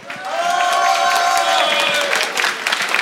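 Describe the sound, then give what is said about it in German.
A large crowd at a Frühschoppen in Zell am Ziller applauds loudly and steadily, with dense clapping mixed with cheers and whistles, holding strong for the full few seconds before thinning slightly at the end. “Und ich würde sagen, mit einem riesengroßen Applaus schicken wir mal liebe Grüße aus Zell am Ziller in die große weite Welt.”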